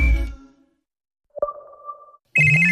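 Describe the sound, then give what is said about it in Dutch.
A brief electronic phone ringtone in a KPN mobile AI advertisement chimes once, a clean tonal note that lingers and fades, followed abruptly by a louder, busier burst of tones, with no voices present. “De slimme assistent die al je telefoontjes organiseert, samenvat en doorverbindt terwijl jij doorwerkt.”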